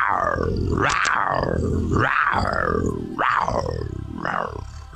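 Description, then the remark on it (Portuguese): A big cat roars in a series of four deep, rasping grunting calls, each swelling and fading in a steady rhythm, loud with no other sounds. “É o rugido em homenagem às mamães do Brasil!”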